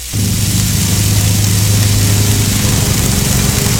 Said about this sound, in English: I was saying, for me, it's the sizzle of a barbecue, and then in the background somewhere else, someone starts lawn mowing.